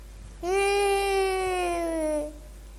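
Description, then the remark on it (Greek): A child cries out in one long, sustained wail lasting nearly two seconds, steady and strong, its pitch sliding gently downward before it breaks off. No other voices are heard. “Ένα παιδί κλαίει.”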